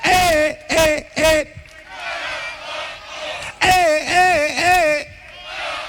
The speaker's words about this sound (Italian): Datevi un applauso! Ci siete? Sentiamo quanti siamo!